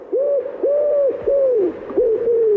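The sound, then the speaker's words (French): A common wood pigeon's song in its mating season: about five deep, hollow coos in a steady rhythm, each a smooth rising-and-falling note, clear with no voices. “Ah, c'est le pigeon ramier.”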